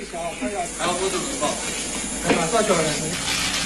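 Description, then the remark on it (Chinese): Steady sizzling hiss of boiled maltose (malt sugar) melting after being poured into a pan of hot oil in a sugar workshop, continuous throughout, with a voice talking faintly over the frying. “熬好的麦芽糖倒入油锅化开，”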